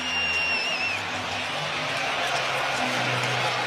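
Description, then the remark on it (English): An excited crowd at a baseball game, with not an empty seat in the building, roars in a dense, steady wash of cheering that never lets up, with a shrill whistle sliding through it at the very start. “Boy, is this crowd amped up or what?”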